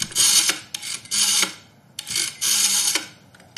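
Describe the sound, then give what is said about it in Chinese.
A telephone is dialed to call Gao Bin's office: several raspy, whirring bursts of a rotary dial spinning back, each about half a second long, separated by short pauses, with no one speaking. “周乙拨通了高斌办公室的电话。”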